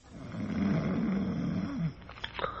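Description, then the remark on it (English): A big, heavily muscled, aged man in a bed behind a curtain snores loudly, one long, deep, rattling snore that swells and then trails off into a softer exhale. “From behind the curtain and the other bed in the room, from the big, heavily muscled aged man in it, comes a rhythmic and ear-shattering snore.”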